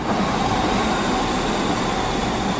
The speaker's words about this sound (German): Was für ein schönes Geräusch. Ein Zug, der fährt. Am besten noch pünktlich.